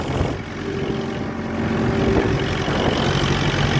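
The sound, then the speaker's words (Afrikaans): A tractor engine drones steadily and loudly throughout as a man ploughs wet farm ground, a continuous rumbling hum with a faint tonal whine riding on top, with no voices. “Hoor jylle daar, hierdie man is op sy trekker, hy het een video gemaakt, waar hy op sy trekker bezig is om te ploeg, want die grond is nat, hulle moet ploeg, hulle moet plant, hulle moet lekker gaan, hoor hom bykie.”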